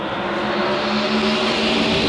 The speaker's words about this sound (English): The sweet sound of 9,000 RPM NASCAR engines.